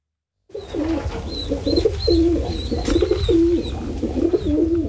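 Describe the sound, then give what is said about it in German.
Several pigeons coo continuously in overlapping, rolling calls, fairly loud, in the city of Basel, with a brief flutter of wings partway through and faint chirps from smaller birds higher up. “Es flattert und gurrt in Basel-Stadt.”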